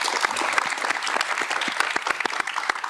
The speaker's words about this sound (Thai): ขอเสียงปรบมือให้